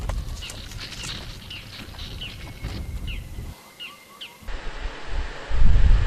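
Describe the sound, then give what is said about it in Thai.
Roe deer sounds in a forest: soft, irregular hoof-like thuds and rustling through vegetation, with a few faint high chirps scattered above and a brief quieter lull partway through. “และเสียงที่ดังกังวานไปทั่วป่านั้นคือเสียงของกวางโรนี่เองมันขี้ระแวงมากหากผิดเสียงนิดเดียวก็เพ่นแนบทันที”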